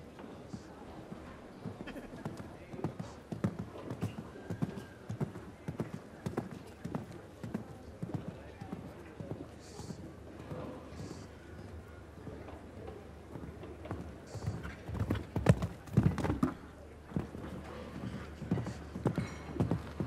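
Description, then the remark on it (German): Horse hooves clip-clop in a steady, regular rhythm for the whole stretch as a horse and rider compete in a show jumping jump-off against the clock, crisp thuds repeating a couple of times per second, with a voice talking faintly underneath. “So, von der Anzahl der Galoppsprünge genauso wie Weißhaupt leider ein bisschen zu flach geworden, das Pferd.”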